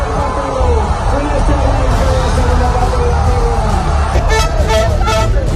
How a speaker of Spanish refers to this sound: Pese a la superioridad española, los últimos minutos del partido trajeron mucha tensión, por lo que tras el pitido final se vivieron auténticas explosiones de gozo como la que se vivía en el pabellón de San Pablo, en Sevilla.